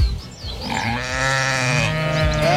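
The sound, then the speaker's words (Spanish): A sheep bleats in a long, wavering cry that rises and holds steady, loud, with a few short grunting sounds at the start and no talking. “Una oveja.”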